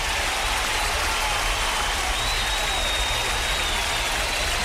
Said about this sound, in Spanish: Aquí estamos, y un aplauso para el programa, claro que sí.